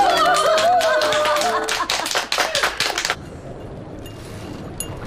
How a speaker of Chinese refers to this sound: 此处有掌声。